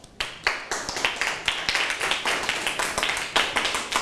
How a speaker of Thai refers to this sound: ยอดเยี่ยมมากครับขอเสียงปรบมือให้เพื่อนครับ